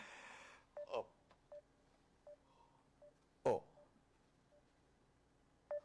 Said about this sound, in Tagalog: Tawagan kong cellphone niya.